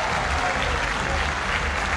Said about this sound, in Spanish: Aplausos para Boca. Final del primer tiempo en la Bombonera.